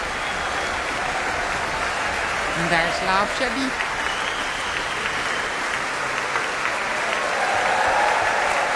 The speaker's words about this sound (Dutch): Applaus nu voor Fagot,